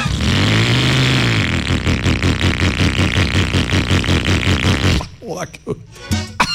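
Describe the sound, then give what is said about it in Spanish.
A rough, sputtering old junky motorcycle engine revs loudly, its uneven pulsing chug lasting about five seconds before cutting off, followed by a brief stretch of talking, in a radio promotion on Olímpica Estéreo. “Si usted tiene una moto así, llegó la hora de que se gane con Suzuki Olímpica Estéreo una moto de verdad, ¿verdad?”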